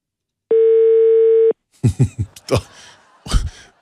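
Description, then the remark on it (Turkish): A single steady ringback tone from a phone being redialed sounds for about a second, loud and clear, then stops; voices follow with short bursts of talk and laughter. “Çalıyor mu?”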